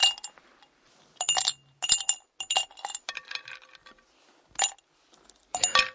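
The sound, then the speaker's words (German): Ice cubes clink against a glass in several bright, sharp bursts, some quick rattling clusters and single taps, with quiet pauses between, no voices. “Ich empfehle zwischendurch auch mal ein Eis am Stiel oder auch Eis im Glas mit Ihrem Lieblingsgetränk.”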